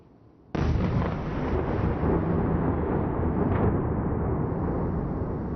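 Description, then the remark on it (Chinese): After a brief quiet moment, a sudden loud explosion from a ballistic missile attack on Kyiv in the early morning of the 7th erupts into a continuous, heavy rumbling roar that stays intense throughout, with no one speaking. “基辅七号凌晨遭到了弹道导弹袭击，上空传出多阵的爆炸声，大批民众躲入地铁站避难。”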